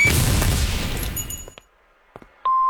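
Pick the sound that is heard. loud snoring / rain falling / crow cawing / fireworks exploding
fireworks exploding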